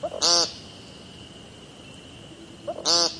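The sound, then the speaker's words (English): An American woodcock gives two loud, harsh, nasal peent calls a few seconds apart, each led by a faint soft note, over a steady low background hum. “Which sounds less like singing and more like yelling the word peent over and over.”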